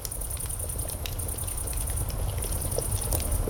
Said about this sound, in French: Écoutez, c'est le soir, vous êtes assis autour d'un feu de camp. Un léger glouglou régulier, chaleureux, rassurant. C'est une cocotte qui mijote sur un feu qui crépite.